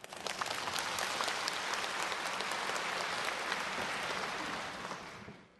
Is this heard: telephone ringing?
no